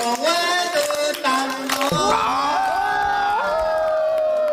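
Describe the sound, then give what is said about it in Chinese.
A crowd cheers and whoops loudly with rising, sliding voices, with scattered sharp claps in the first two seconds before the sustained cheering carries on alone, at a Yao ethnic welcome ceremony where special Yao bamboo-tube wine is offered. “哎，鼓掌。”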